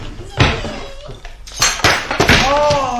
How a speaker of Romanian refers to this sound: Aoleu. Aoleu, m-a și lovit. A căzut lampa. Ce porcărie!